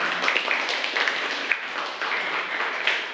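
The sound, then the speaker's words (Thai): Steady applause from a class for group representatives who just presented a dialogue, lasting about three seconds, a dense wash of many hands clapping at once with a few sharper claps standing out, no voices. “ค่ะปรบมือให้กับตัวแทนด้วยค่ะ”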